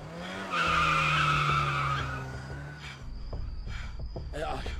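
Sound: car braking hard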